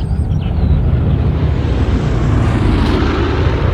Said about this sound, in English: Look, Mummy, there's an airplane up in the sky.